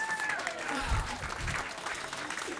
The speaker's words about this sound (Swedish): Det är ju helt underbart. Folk fotograferar och jublar och ser väldigt glada ut.